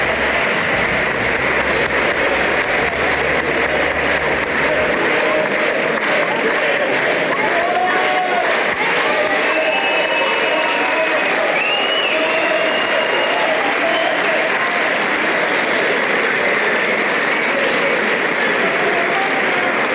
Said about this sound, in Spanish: Se escucha el aplauso aquí en el recinto.